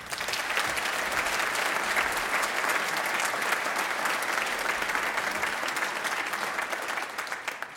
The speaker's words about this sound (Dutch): Het was me genoegen en nogmaals een groot applaus voor ….